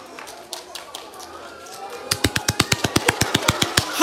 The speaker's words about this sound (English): Ready for a clap? Would you like another one? Fine, they're free. Now I'm going to give you lots of claps now.